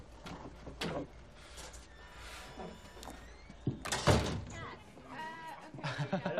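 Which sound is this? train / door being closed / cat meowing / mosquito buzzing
door being closed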